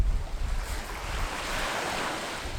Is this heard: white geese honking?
no